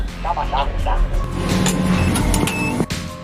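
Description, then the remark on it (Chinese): A car drives past with a steady rumble of engine and road noise, while people's voices are heard briefly over it at the start. “一辆汽车，一辆汽车， 看着啊，来喽。”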